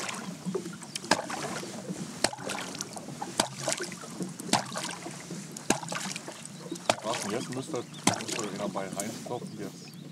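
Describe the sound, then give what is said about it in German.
About seven sharp knocking signals tapped out as a series at a steady, even pace, roughly one per second, sounding over continuous background talking and a low rumble. “Ich klopfe uns mal das Lied vom Wallertod”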